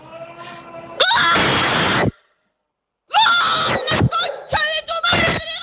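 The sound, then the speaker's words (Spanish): A man screams loudly celebrating a goal by Argentina: a long raw shout, a second of silence, then a string of choppy, strained yells. “Estaba durmiendo al bebé y en medio de eso viene el gol de Argentina.”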